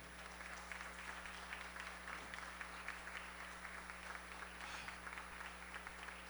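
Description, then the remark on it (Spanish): Sustained applause from the university community opening an event of the Universidad Juárez Autónoma de Tabasco (UJAT). A dense, steady patter of many hands claps for several seconds with no voices over it, at moderate loudness with a constant low hum underneath. “Señoras y señores, comunidad universitaria, comencemos con entusiasmo, iniciamos con un fuerte aplauso.”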